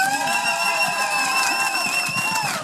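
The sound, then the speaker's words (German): Steady, dense applause from an audience at the Festival der Vielfalt for the first performance after the official opening, by the Jugendgremium Göppingen, a continuous wash of clapping with a sustained high whistle-like tone ringing over it, with no talking. “Ein fulminanten Applaus für den ersten Auftritt quasi nach der offiziellen Eröffnung für das Jugendgremium Göppingen mit der Aktion für Future.”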